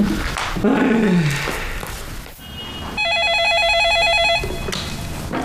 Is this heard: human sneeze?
no